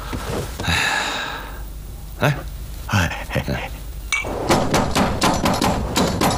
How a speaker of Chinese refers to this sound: 哎，谁呀？娘的，半夜三更敲什么门？